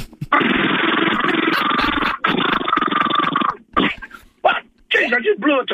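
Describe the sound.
A man's voice, a phone-in caller from Findon, imitates a truck's engine brake (jake brake) with a loud, rasping, stuttering rumble lasting about three seconds, with one brief break, followed by a few short vocal sounds.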